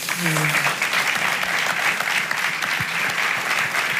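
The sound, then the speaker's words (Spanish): Sustained applause from a large crowd in recognition of footballer Pello Canales, a dense steady wash of clapping at high level throughout, with a brief tonal voice-like sound near the start. “Muchos aplausos y al fin y al cabo mucho reconocimiento a Pello Canales.”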